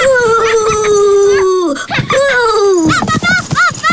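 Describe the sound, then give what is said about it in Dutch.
A voice playfully pretending to be a ghost imitates a ghost's wail, drawn-out wavering moans that slide downward, followed by a couple of shorter quavering hoots, loud. “En zo ben ik een spook.”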